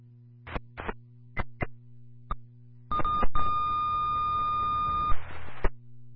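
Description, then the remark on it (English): Radio dispatch retone alert tones for Norfolk Ambulance, calling for additional EMTs to complete the crew: a few short crackling radio bursts, then steady, high-pitched tones sounding together over static hiss for about two seconds before cutting off. “LCD 2, Norfolk Ambulance, with your retone, additional EMTs are needed to complete the crew.”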